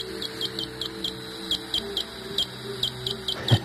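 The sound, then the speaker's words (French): Greater horseshoe bat call: a series of about a dozen short, high-pitched chirps in an uneven, Morse-like rhythm over a low steady hum, with no voices. “Un deuxième exemple, autre rythme, le cri du grand rhinolophe.”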